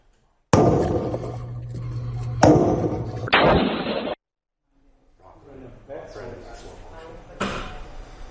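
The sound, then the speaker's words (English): Loud, sharp gunshots from an AR-15 style semi-automatic rifle, fired randomly at homes by a man roaming a Las Vegas neighborhood, ring out a few at a time, spaced irregularly, each followed by a ringing echo, with a stretch of quieter rustling noise before a final shot. “Surveillance cameras captured a man roaming around a neighborhood, banging on doors, and firing semi-automatic weapons randomly at homes.”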